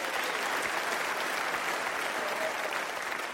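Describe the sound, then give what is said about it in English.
An audience applauds steadily, a dense, even wash of many hands clapping at constant loudness for the whole stretch, with no voices standing out. “Clap for the Spick.”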